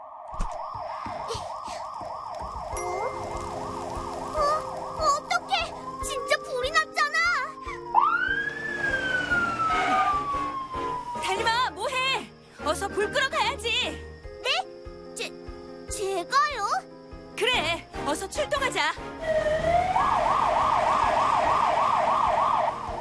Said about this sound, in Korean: 뭐, 어? 이거 소방차 소린데?